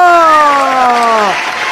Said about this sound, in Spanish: ¡Eso! Fuerte el aplauso para mí, por favor, también. Y también el aplauso para todos los petroleros que van camino a su trabajo.